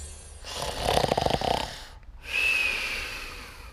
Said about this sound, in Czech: chrápe jako dřevorubec.